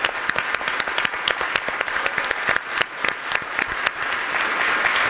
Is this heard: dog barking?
no